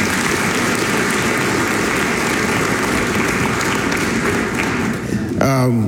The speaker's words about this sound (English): Let's give the Lord a hand clap of praise.